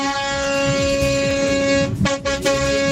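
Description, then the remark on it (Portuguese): A loud vehicle horn blares in one long, steady blast, then breaks into a couple of short honks near the end, with no talking. “Ó, aqui vale pra quem buzina de carro, de moto, vale de todo jeito, cara.”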